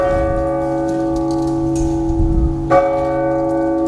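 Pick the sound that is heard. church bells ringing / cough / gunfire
church bells ringing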